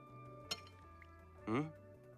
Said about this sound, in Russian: Вяло ковыряется вилкой в спагетти с креветками. Откладывает вилку.